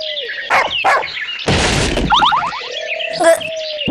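In an animated cartoon, a couple of sharp barks ring out from a dog chasing the characters, followed by a loud crashing clatter and rapid cartoonish chirps, then another short bark near the end.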